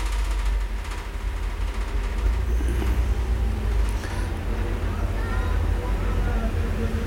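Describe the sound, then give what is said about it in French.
Steady street traffic of cars, vans and motorbikes rumbles throughout on Boulevard Saint-Germain, with vehicles passing and an engine rising briefly around the middle, plus a faint murmur of voices in the background. “Une camionnette produit Ruy. Des motos. Des voitures.”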